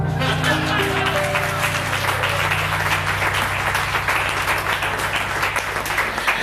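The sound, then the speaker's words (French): An audience applauds steadily, a dense, loud wash of many hands clapping that holds for several seconds without a break, with a low murmur of voices faintly underneath. “déjà applaudir également.”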